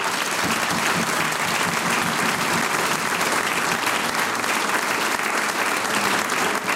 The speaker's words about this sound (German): Großer Applaus.